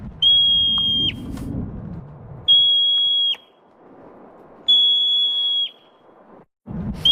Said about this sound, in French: Et c'est strident quand même, hein, comme oui, ça. Oui, c'est vrai. C'est quoi ça? Un siffleur. Une marbotte.